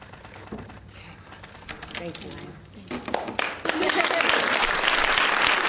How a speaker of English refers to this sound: And I want you to actually see that moment as it was signed into bill, as applause would broke out. Let's take a look.